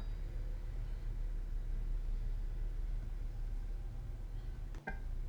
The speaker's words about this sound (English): Let me see. Is that the snow blower? Oh yeah. So this is the typical sound that is accompanying my stay here also.